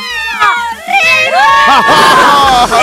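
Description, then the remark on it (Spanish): A crowd of single women screams and cheers loudly, overlapping high-pitched shrieks and whoops rising and falling continuously for a few seconds, energetic like an excited audience. “el grito, el grito, el grito de mis chicas solteras.”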